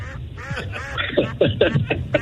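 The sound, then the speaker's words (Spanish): A goose honks in a quick series of five or six loud, nasal calls, coming close together over a low rumbling background. “Si usted, por ejemplo, saca a pasear el ganso, no queremos que venga cansado.”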